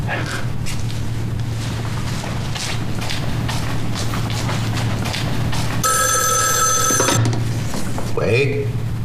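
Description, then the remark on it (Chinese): A telephone bell rings in one loud, sustained burst of about a second, over a steady low hum and murmuring background voices. “我今天晚上加班，谁的电话都不接，谢谢啊。”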